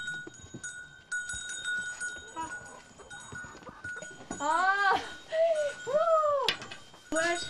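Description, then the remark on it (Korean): Young calves, left behind while the mother cows and larger cattle are out grazing, moo with high, bleat-like calls, several in quick succession in the second half, over a quieter rustling background. “어미소와 큰 소는 풀을 뜯으러 나가고 어린 송아지들만 남아있습니다.”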